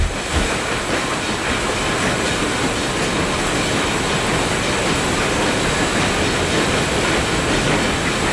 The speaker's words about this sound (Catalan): Un tren, sí.